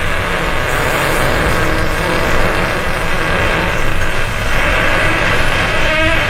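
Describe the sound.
A big, drawn-out fart sound, loud and raspy with a low rumbling roar that holds steady for about six seconds, with no one talking over it.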